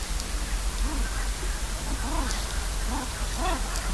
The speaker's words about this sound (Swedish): Och här kan man höra gravänder. Hannarna som låter sådär. Pip, pip, pip, pip, pip, pip, pip.